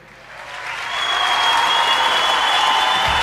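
Audience applause for a musical duo's song swells over the first second into a dense, steady roar of clapping that holds at full loudness, with no voices standing out.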